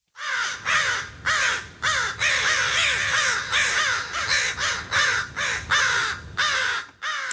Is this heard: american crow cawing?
yes